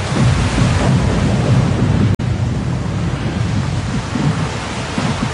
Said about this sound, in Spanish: Cuando cayó la lluvia fuerte y soplaron los vientos, se desplomó todo. La casa se derrumbó y el daño era inmenso.